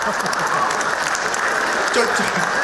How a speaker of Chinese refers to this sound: 就这模样的，你还给鼓掌呢？